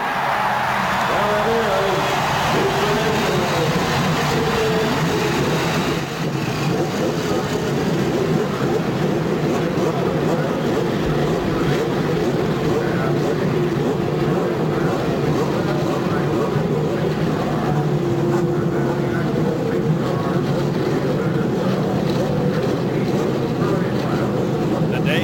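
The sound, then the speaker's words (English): A field of 33 race car engines fires up on the main straightaway of the Indianapolis Motor Speedway for the start of the 77th running of the race, settling into a loud, steady, rumbling roar that keeps going without a break, with a faint murmur of voices underneath. “Lady and gentlemen, start your engine.”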